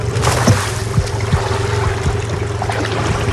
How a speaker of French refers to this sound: Tire la corde. Et là, on va caler, là, on va jeter le filet. Attention.